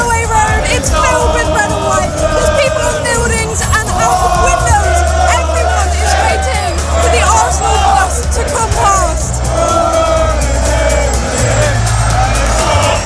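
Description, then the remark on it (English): A large outdoor crowd of thousands of Arsenal fans roars and cheers continuously at the team's Premier League victory parade in North London in the afternoon, dense overlapping voices and shouts filling the scene, with a low rumble of traffic or engines underneath throughout. “Thousands of fans are cheering here.”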